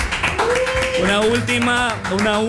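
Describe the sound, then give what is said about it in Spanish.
Steady applause with quick, dense claps running throughout, while a voice calls out over it in long, rising and falling tones. “Fuerte de aplauso para el Daga”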